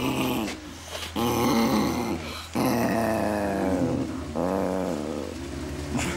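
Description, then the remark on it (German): A dog, Kira, growls and fusses almost nonstop in the morning, a throaty rumble with whiny, grumbling tones that rise and fall, broken by a few brief pauses. The sound stays fairly loud throughout. “Du kleine Torte, du machst jeden Morgen immer so einen Alarm.”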